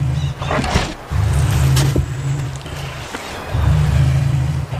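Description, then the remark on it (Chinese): A female wolverine caught in a trap growls angrily, deep and rumbling, in long sustained bursts broken by brief pauses, loud and harsh throughout with no talking. “他们惊喜地听到了另一只雕熊愤怒的吼声。”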